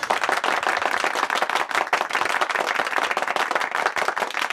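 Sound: people clapping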